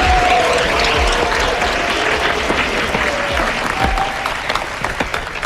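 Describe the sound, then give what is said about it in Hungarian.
Sustained audience applause for the first couple at a dance competition, a dense crackle of many hands clapping steadily, loud and even for several seconds with a faint tonal hum underneath. “Nagy tapsot az első pár!”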